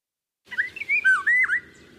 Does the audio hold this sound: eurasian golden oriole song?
yes